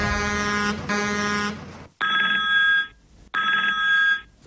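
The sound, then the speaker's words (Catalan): A telephone rings in two or three loud, buzzy bursts separated by short pauses, clear with no voices, before it is answered by a police sergeant. “Bon dia, digui'm, sergent Rocabruna.”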